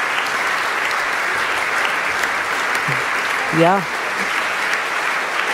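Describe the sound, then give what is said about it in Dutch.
Sustained applause from a large concert audience for a choir's performance as the singers take their bows, a steady dense wash of clapping throughout, with a brief spoken word from a voice over it. “En het applaus houdt natuurlijk aan.”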